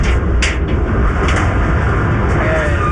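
A large Navy laundry dryer holding about 100 pounds of laundry is opened over a loud, steady machine rumble, with a couple of short metallic clunks early on and no voices.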